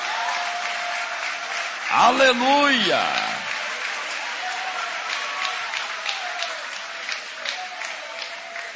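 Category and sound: crowd, audience applauding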